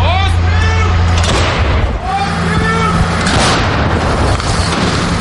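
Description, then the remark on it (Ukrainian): An artillery gun fired by a paratrooper crew lets off a heavy, loud boom that rolls into a sustained rumble, while raised voices carry over the din. “Саме любиме, мабуть, що є в армії, це саме зробити постріл.”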